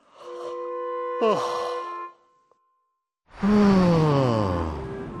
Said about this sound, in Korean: 갑자기 하품이 나네. 나도 하품이 나. 왜 이렇게 하품이 나지?